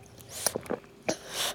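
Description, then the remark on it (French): A baby drinking from a bottle: a handful of soft, wet sucking and gulping noises in quick irregular succession, fairly quiet, ending in a breathy hiss. “Il boit.”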